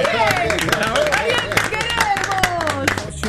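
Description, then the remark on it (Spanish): An audience claps steadily for a few seconds for the number one spot in a programme's ranking, quick sharp hand claps running throughout, while several voices talk and call out loudly over the applause. “Hay que aplaudirlo antes que no vea.”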